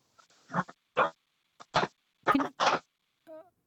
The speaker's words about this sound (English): Is that a dog barking in the background?